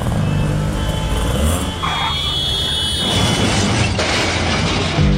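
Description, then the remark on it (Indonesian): A car engine roars, revving hard as the car runs a red light and speeds past in a loud, continuous rush of motor noise with a deep rumble, no one speaking over it. “Tuh kan, nerobos lampu merah sih.”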